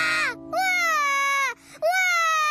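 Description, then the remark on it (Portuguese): A baby cries loudly in three drawn-out wailing bursts, each a high, strained howl separated by brief gasping pauses. “Por que você tá chorando?”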